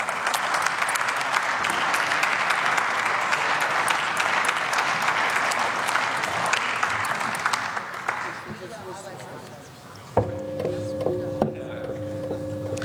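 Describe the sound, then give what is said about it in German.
Sustained applause from a large crowd in a German parliamentary chamber after a speech fills the first eight seconds, then fades away. Steady tonal electronic beeps and a faint murmur of voices follow. “Frau Präsidentin, meine sehr geehrten Damen und Herren, ein großer Applaus für die Koalition.”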